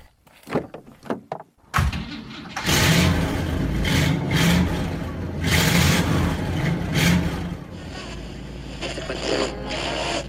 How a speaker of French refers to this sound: Voilà, allez, on est en route avec notre grosse voiture.